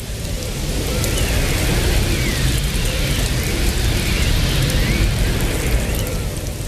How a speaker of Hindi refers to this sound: इस दौरान बर्फबारी के साथ पतझड़ के मौसम की बारिश शुरू हो गई। साए साए आंधी चलने लगी।